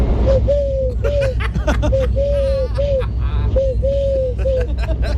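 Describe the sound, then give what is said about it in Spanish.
A person imitates a turtle dove's coo for a Canal Sur TV crew: a run of low, hollow cooing notes in quick rhythmic phrases with a short pause midway, clear over a noisy background with faint crowd chatter. “Mira, hago la tórtola súper bien, mira.”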